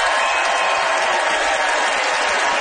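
A crowd in London claps steadily, voting by applause in a debate for the side arguing in favour of buying on Facebook Marketplace: a dense, sustained wash of applause that stays loud and even throughout, with no voices standing out above it.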